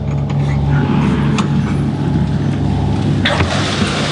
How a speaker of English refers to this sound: And that strange noise is the sound of little trotters dashing towards the door.